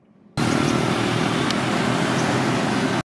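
A military truck loaded with relief supplies drives over damaged, rugged roads into an earthquake- and typhoon-hit disaster area in the Philippines; its loud, steady engine and road noise cut in abruptly and hold for nearly three seconds before stopping suddenly.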